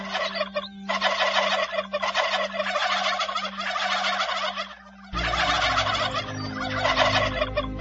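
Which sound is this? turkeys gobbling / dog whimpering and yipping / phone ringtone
turkeys gobbling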